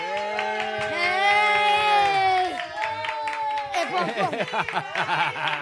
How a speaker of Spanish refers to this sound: ¡Epopón! Mira qué ovación te acaban de meter,